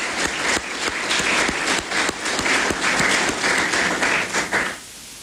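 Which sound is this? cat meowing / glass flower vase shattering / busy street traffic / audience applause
audience applause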